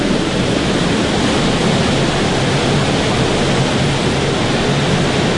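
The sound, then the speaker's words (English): Continuous rushing of stream water echoes steadily with no pauses, a dense hiss-like wash of people wading through ankle-deep to knee-deep water along the main streamway of an underground cave stream, walking about 10 meters down the stream; no one speaks. “We've all safely abseiled down into the main streamway, and we're going to walk about 10 meters down the stream, take a right and head on down.”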